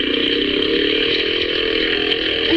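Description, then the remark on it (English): A small motorboat engine buzzes steadily and loudly on a smooth inlet, its high, raspy whine climbing slightly in pitch toward the end as it speeds up. “You think you'd give us a man-sized boat instead of this?”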